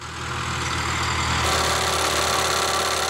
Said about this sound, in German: Auf einem Getreidefeld in Niederösterreich wird hier gerade eine Bodenprobe entnommen. Der Bohrer an der Rückseite eines Traktors bohrt bis zu 90 cm tief in die Erde und entnimmt mehrere Proben.